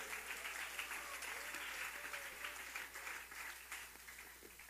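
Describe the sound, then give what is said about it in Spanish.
A church audience applauding for the Lord during a sermon, many hands clapping in a dense, steady roar that stays loud and then tapers slightly toward the end, with faint voices mixed in. “Si es para Él el sobrino de palmas, dénsela fuerte.”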